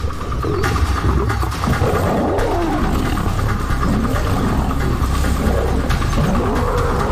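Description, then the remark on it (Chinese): Two male lions, Cecil and Leander, attack a lone older male lion in northern Hwange National Park, roaring and snarling as they fight, a continuous loud, rough low growling with rising and falling throaty calls and no pauses. “塞西尔和利安德清楚，这只公狮的弱点在于没有并肩作战的伙伴，他们勇猛地发起攻击。”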